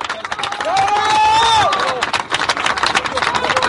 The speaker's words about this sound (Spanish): Así que aquí nuestro compañero le queremos hacer nuestro último homenaje y un aplauso para Alejandro. Sigamos la lucha.